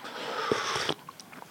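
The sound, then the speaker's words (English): A crunchy bite into a cream-filled biscuit, a dense burst of crackling for nearly a second, followed by a few soft, scattered chewing clicks. No talking. “while we're having a slurp, while we're having a chomp, and while we're having an orgy, we must, of course, have a sing-along.”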